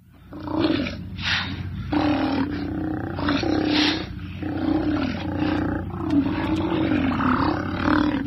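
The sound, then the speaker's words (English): Deep, growling roars from Steller sea lions at their rookeries and haul-out areas on the northern Pacific coast repeat in overlapping bursts, loud, with a chorus of rumbling calls blending together throughout. “Their deep, growling calls echo from their rookeries and haul-out areas up and down the Pacific coast.”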